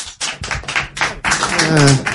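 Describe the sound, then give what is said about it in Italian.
Thin, scattered clapping from a small Radio Popolare audience, a handful of uneven claps rather than a full ovation, with voices talking over the latter part. “Vi ringraziamo per questo applauso davvero tiepido.”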